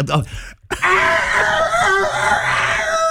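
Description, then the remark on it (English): A person does a loud, strained vocal imitation of a rooster crowing, one long wavering screechy call after a brief gasp. “It's just the worst rooster impression ever.”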